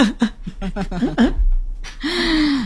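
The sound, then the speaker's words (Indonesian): A voice imitates the heavy, breathless panting of being out of breath after cycling to the office: a rapid run of short, gasping breaths, a brief pause, then one long drawn-out voiced exhale, loud. “kalau misalnya dari kalau saya nih dari Balai Karangan ke kantor pakai sepeda, kalau siaran pasti ngap-ngap guys.”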